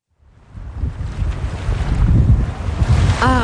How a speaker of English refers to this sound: Summer on Cape Cod. Sun, ocean breezes, and plenty of waves.